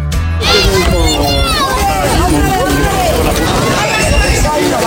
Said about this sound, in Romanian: Auziți acești copii fericiți? Nu sunt în fața unui ecran, ci se joacă afară. Primăria Madridului organizează o caravană a jocurilor tradiționale din lemn, care merge din parc în parc și din localitate în localitate